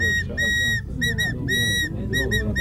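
A shrill whistle, blown by a scout, sounds the fire-brigade signal for spraying water: one long blast, two quick short ones, then another long blast and two more short toots, over a low background rumble.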